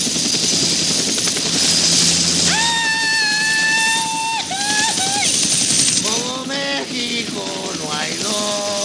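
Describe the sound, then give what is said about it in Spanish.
A helicopter lifts off as its pilot pulls a lever, with loud rotor and engine noise that roars steadily throughout, while high whining tones rise and waver over the din. “Ella ala una palanca. Se muestra el panel de controles. Aprieta los dientes. El helicóptero se eleva.”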